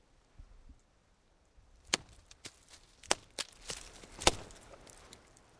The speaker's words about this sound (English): A tree knock. It's a type of call and response from hitting a tree.